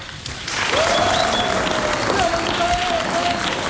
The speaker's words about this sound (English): So please give a round of applause for Raulito.